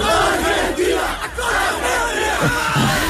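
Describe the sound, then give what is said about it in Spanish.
A large crowd of thousands of Argentine football fans celebrating in the streets of Barcelona roars and chants together in a dense, continuous wall of voices, with rising shouted cries and cheering swelling over the steady loud din. “Allí miles de hinchas salieron a las calles también, como no, a celebrar.”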